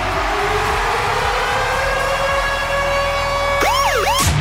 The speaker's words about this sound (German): Und zwar immer dann, wenn unser Virgin Radio Ticket Alarm bei uns bei der Virgin Radio Morning Glory zwischen 6 und 9 abgeht.